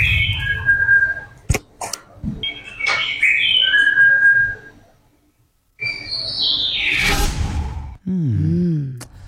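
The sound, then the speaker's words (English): Birds sing and whistle in the morning in tropical North Queensland, in bright, varied phrases with sharp chirps, rising swoops and a short pause before the chorus resumes. Calls ring loud and clear over a soft outdoor background. “Birds, yeah, is to birds singing.”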